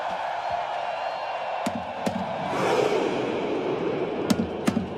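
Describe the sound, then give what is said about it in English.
Hundreds of Norwegian fans at the FIFA World Cup roar steadily while a drum is banged in spaced pairs for the Viking row chant, arms extended and pulled in like rowing; a collective shout swells midway through, getting faster. “As you can hear there are hundreds of people, Norwegian fans, just doing this Viking row.”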